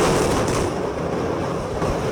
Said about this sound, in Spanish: Eran 5 torres, todas quedaron inhabilitadas, pero peor había quedado la Torre A y la explosión se escuchó de esta manera.